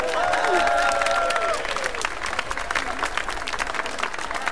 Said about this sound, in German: Super, ein Applaus für unsere Trommler vorne!